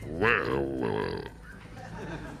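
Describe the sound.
A person imitates a wild boar as a sound effect while narrating a story, with one long, throaty, guttural grunt lasting about a second, its pitch rising then sinking, followed by quieter low mumbling noise.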